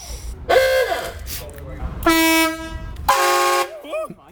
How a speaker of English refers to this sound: So one of the big things about a Rust Bucket Rally is you have a really good horn, don't you? Yeah, we have four. Okay. Come on. Come on. Come on, let's hear it. Show us.